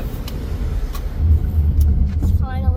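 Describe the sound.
A car drives onto a cable suspension bridge over water between Canada and the United States. There is a steady low road rumble and an engine drone that swells partway through, heard from inside the vehicle, with a faint voice near the end.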